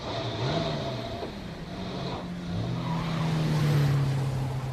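A truck carrying four soldiers and other passengers sets off on the road, its engine revving and accelerating, the low droning pitch climbing in steady surges and growing louder toward the end, with a faint hiss of road or wind noise underneath.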